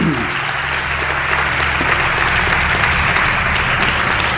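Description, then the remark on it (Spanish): An audience claps steadily for several seconds, a loud, dense wash of overlapping hand claps with a low hum underneath and no voices. “si queréis aplaudir, aplaudir, que hubiese aplaudido.”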